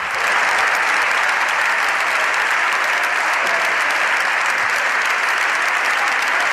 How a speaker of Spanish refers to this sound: Estos aplausos son los aplausos de los diputados del Partido Popular que apoyan a Ana Belén Vázquez, que la animan, que se indignan con esta decisión de Francina Armengol y que incluso llegan a ponerse de pie, ovacionando y vitoreando a la diputada